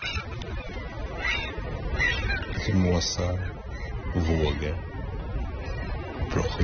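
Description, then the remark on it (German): Gulls cry out in the wind in a few drawn-out, wailing calls over a steady, rushing wash of surf on the Swedish coast in the middle of the night, broadcast live on Swedish radio. “Irgendwo an der Küste rauschen die Wellen. Möwen schreien im Wind.”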